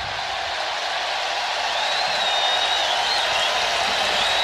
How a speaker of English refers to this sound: And a bit of a Bronx cheer there.